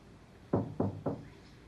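Three firm knocks on a door in an even rhythm, fairly loud, with quiet room tone around them and no one speaking.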